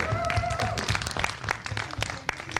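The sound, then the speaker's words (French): An audience at an auction bursts into applause for the winning bidder, many hands clapping in a dense, continuous patter with a few louder sharp claps standing out, at moderate volume. “Adjugé à la dame pull rouge devant, on peut l'applaudir.”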